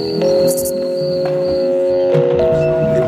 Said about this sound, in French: Des nuages de son qui ressemblent à des nuages de son de moustiques, de grillons.